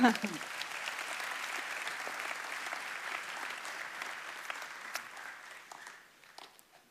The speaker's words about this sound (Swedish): Tack, lovsångsteamet. Ni är fantastiska. Ja, en applåd för dem.